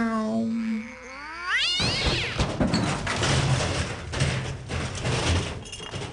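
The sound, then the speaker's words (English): A cat lets out a long, wavering yowl that climbs sharply in pitch, followed by several seconds of loud, noisy clatter and rumbling with faint meow-like cries mixed in. “That's the drunken cat.”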